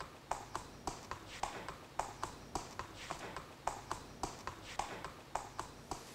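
Steady clip-clop of a racehorse's hooves walking on a hard surface, a regular rhythm of sharp knocks repeating about every half second, with no one talking over it.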